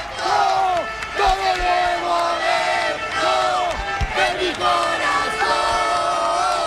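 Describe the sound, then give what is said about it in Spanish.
A large crowd of Deportivo football fans roars, applauds and chants continuously as the Las Palmas team bus arrives at Riazor stadium, dense overlapping shouts and cheers rising and falling, loud, with sharp whistles and bangs cutting through the din. “Increíble cómo está aplaudiendo la afición del Deportivo, ¿eh?”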